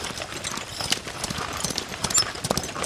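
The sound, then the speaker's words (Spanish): A horse carrying a traveler in a hurry gallops past at a steady pace, its hooves clip-clopping in a quick, continuous rhythm, moderately loud with no talking over it. The horse wears a ring around its neck and has strange markings. “¡Ahí viene un viajero! Parece tener prisa.”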